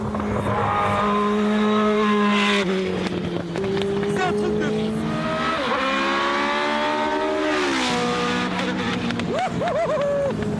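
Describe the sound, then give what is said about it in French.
A Formula 1 V8 engine screams at high revs, up to about 8000 rpm, as the car is driven, its whining pitch climbing and dropping repeatedly through gear shifts, loud throughout while a man speaks over it. “entendu un peu miauler le V8 là.”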